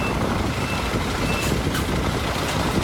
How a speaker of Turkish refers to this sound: Suyu tahliye etmek mümkün olmayınca bu kez devreye yüksek araçlar girdi. Kamyonlar, minibüsler ve iş makineleri. İnsanlar tek tek suyun içinden çıkarıldı.